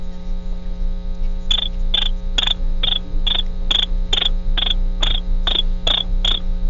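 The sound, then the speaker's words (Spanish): A person imitates a cricket with about a dozen short, high, evenly spaced chirps, steady, over a constant low electrical hum. Nobody speaks. “haz como el grillo.”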